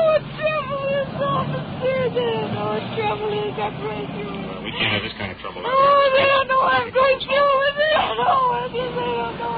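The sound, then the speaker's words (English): Street noise with a low traffic rumble under a murmuring crowd of voices gathering in the street as police take a woman prisoner, with a whimpering, wavering voice rising and falling throughout. “We're just attracting a crowd here.”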